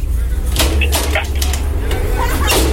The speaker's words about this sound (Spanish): ¿Quién toca la puerta?